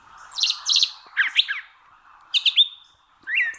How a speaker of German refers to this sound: Also solche Vögel, die können deswegen auch mal zwei verschiedene Töne quasi gleichzeitig erzeugen und gewissermaßen zweistimmig mit sich selbst singen. Und das hört sich dann etwa so an.